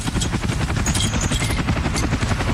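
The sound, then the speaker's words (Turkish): A loud aircraft engine roars, a heavy low drone with a fast, rhythmic chopping pulse that holds steady throughout, with no voices. “Yoksa uçağın bu mu ha?”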